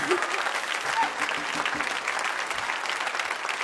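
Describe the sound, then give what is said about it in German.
Steady applause from an audience for a band from Kyiv after their performance at the EBU Folk Festival on the Neumarkt in Rudolstadt in early July, a dense wash of many hands clapping at even strength, with faint murmurs of voices mixed in. “Der Applaus für die Gruppe … aus Kiew bei ihrem Auftritt im Rahmen des EBU Folk Festivals Anfang Juli in Rudolstadt haben wir dieses Konzert mitgeschnitten auf dem Rudolstädter Neumarkt.”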